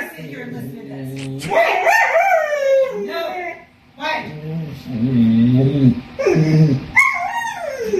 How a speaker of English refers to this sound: This is the kind of thing we deal with, you know, with this kind of noise. Regular barking. Then it gets really high pitched.